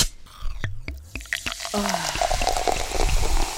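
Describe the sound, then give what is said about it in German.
Sparkling water fizzing: a few sharp clicks and pops at first, then a dense, steady crackling hiss of bubbles that continues to the end. “Je sprudeliger, desto besser.”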